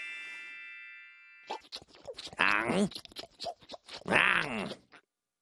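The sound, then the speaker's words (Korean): A bright chime rings out, then a run of crunchy chewing bites mixed with throaty, groaning vocal noises, ending in a swallowing gulp, all fairly loud. “안녕, 맛있다. 꿀꺽!”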